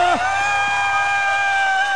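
An audience lets out a burst of approving whoops and cheers, a loud, sustained high-pitched shout that holds steady for a couple of seconds with no talking over it.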